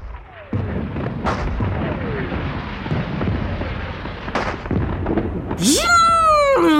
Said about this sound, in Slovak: Žunk! Žunk! Vírilo vo vzduchu Katarínske koleso. Bum! Bum! Vyletela rímska svieca. Blesk a tresk a ťap a frnk! Navôkol sa roztancovali petardy a bengálske ohne zafarbili všetko na šarlátovo.